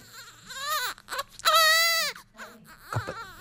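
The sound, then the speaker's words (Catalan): A newborn baby cries in a few rising and falling wails, high and strained, with the loudest, longest cry in the middle and a shorter whimpering cry near the end. “Primer neix Lem... i després la nostra protagonista, la Lizzie Borden.”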